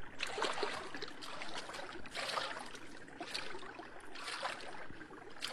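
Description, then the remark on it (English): Steady sloshing and splashing of shallow water, with surges every second or so like legs pushing through a river, continuous with no voices, as someone wades out into a river among bulrushes to reach something floating there. “Well, wade out there and find out what it is.”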